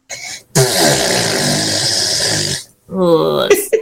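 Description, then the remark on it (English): A child blows a long, loud raspberry imitating their mum's fart, a wet buzzing sputter lasting about two seconds, followed by a shorter second sputter. “can you do me an impression of your mum's bottom burps, please?”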